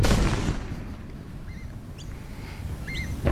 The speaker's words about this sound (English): Oh my gosh. Are you still hearing this? I sure am. The explosions there at the Liddell Power Station chimney stack site just outside of Muswellbrook.